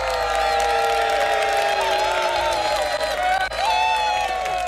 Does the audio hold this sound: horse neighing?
no